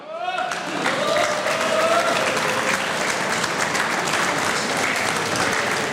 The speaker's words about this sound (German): Inzwischen ist auch der Herr Bürgermeister Matthias Weghofer zu mir auf die Bühne gekommen. Herr Bürgermeister, das ist Ihr Applaus.